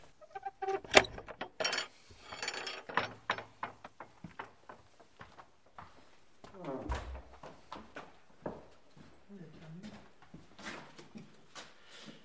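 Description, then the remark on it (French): Keys jangle and scrape as one is worked into the door lock of a chapel housing an exhibition, producing an irregular string of sharp metallic clicks and a heavier clunk midway, with faint murmuring voices. “Vous avez la clé, voilà. Non, d'habitude ce n'est pas fermé.”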